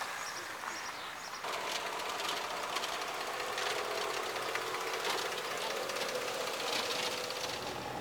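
A tractor engine with attached sprayer machinery, being calibrated to distribute crop protection products in the field, kicks in after a moment and runs steadily, a continuous mechanical drone layered with a bright hissing rush until the end.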